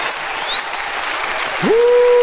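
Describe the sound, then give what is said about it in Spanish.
An audience at a worship service stands and claps steadily for the Lord in a dense, continuous wash of applause; near the end a sustained tone slides upward and then holds over the clapping. “Póngase de pie y apláudale a su rey. Apláudale a su Señor.”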